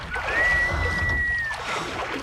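Oars rowing a dory, with soft water sloshing and a single long, steady, high-pitched creak drawn out for over a second above the wash. No one speaks.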